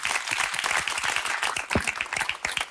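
A dense burst of applause from several people, many overlapping claps forming a steady crackling wash, fairly loud throughout with no voices.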